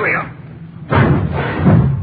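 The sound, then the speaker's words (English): A garage door is heaved open on a chilly day: a sudden loud thump, then a broad rattling rumble that surges again as the door rolls up. “Watch the door”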